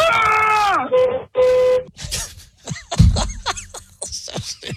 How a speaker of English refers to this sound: There was a honk-honk, and it was more honking, and it was a lot of honking. A lot of honking.